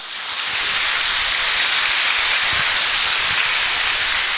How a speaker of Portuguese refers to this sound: lá da rua Mato Grosso, está aqui presente, uma salva de palmas.